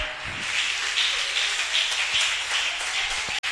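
An audience applauds for God in the afternoon, a dense, steady wash of many hands clapping at even loudness for a few seconds, with no voices and a brief sharp break just before the end.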